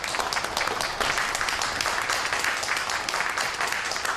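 In a meeting room at the city government, during a review meeting, a crowd applauds steadily for about four seconds, a dense crackling wash of many hands clapping at once at an even, fairly loud level, with no voices standing out.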